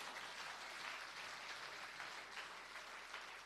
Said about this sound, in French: Oui, n'a pas bon Dieu, un gros applaudissement pour ça.